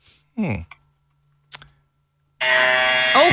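A short vocal sound and a sharp click, then a powerful, vibrating electric hair trimmer switches on with a loud, steady, rich buzz that drones unbroken until the end.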